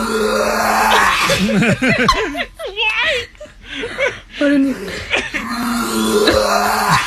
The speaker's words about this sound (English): Yeah. Are you okay? Concerned, are you okay? And now we have this one to add to our dog's dry heaving compilation.